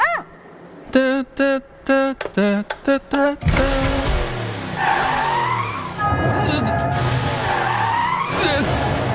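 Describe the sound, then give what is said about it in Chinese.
A car engine sputters in short, stop-start bursts, then roars off loudly with squealing tires and rising engine whines, as if lurching forward and braking again and again; the driver keeps braking just after starting off. “才刚起跑，你怎么总踩刹车呀？”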